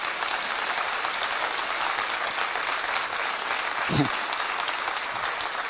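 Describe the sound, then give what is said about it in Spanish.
Steady, dense applause from an audience fills the whole clip, a loud continuous patter of many hands clapping, with a brief low thump partway through. “Aplaudile, aplaudile con fuerza.”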